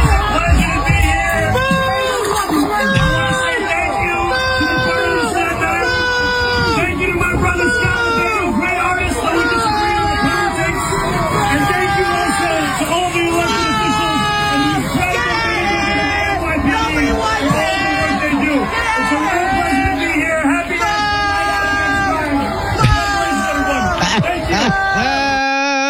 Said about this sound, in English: Here's Mom Johnny getting booed out of a Staten Island rally, clip 12.